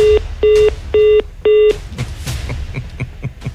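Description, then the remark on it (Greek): Four loud, evenly spaced telephone keypad tones beep in quick succession, each held briefly, followed by a stretch of soft clattering background noise with no clear talking. “δεν την άκουγες, πάλευε με το τηλέφωνο.”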